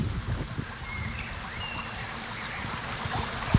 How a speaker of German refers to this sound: Man hört eigentlich das Rauschen des Baches einfach etwas lauter. Und ich würde sagen, der Wind, der so durch die Blätter fegt, wird etwas mehr so eingefangen.